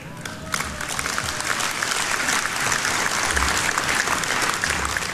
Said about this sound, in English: Well, a tepid applause there.